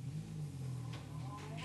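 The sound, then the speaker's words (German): A car engine revs and pulls away, a loud, low rumble with rising tones that holds steady for under two seconds. “Natürlich hat Jordan den Wagen zum Laufen bekommen.”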